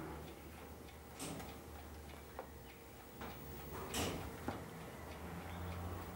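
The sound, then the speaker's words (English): Faint, quiet ticking of a wristwatch, a few soft clicks spaced unevenly over a steady low background hum, with no one speaking. “Ah, this is also a watch, but because we wear this watch on our wrist, it's called a wristwatch.”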